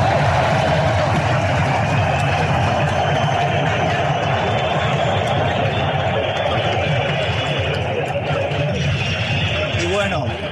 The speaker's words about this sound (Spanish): Así que Mbappé se va a retirar del equipo francés. Aplausos en el estadio de Boston. Escuchamos la ovación para Kylian Mbappé.